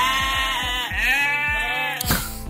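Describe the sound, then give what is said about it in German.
Cameroon sheep bleat loudly in a long, wavering cry in Hettstedt in the morning, with a few low rhythmic thumps beneath and a sharp noisy burst near the end. “bei den Kamerun-Schafen vom Reinhard, da hören wir gleich wieder hin, wie es denen geht”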